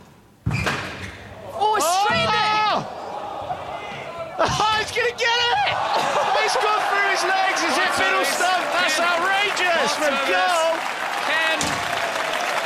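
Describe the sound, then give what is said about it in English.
A squash crowd bursts into loud, sustained applause and cheering after a rally between Paul Cole and Ali Farag, in which Cole made a diving retrieval and hit the ball through Farag's legs, with sharp thuds early on and excited voices babbling throughout the clapping. “Look at this, the crowd have become electric.”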